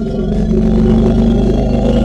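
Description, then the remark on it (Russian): An angry, enraged elephant growls in a deep, continuous rumble, loud, with a rough, engine-like throb that holds steady for a couple of seconds. “Но, как оказалось, это не кошачий, а на самом деле это оказался слон. Рычание рычит.”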